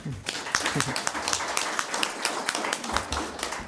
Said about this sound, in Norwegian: Nei, men da sier vi tusen takk, og så en liten applaus.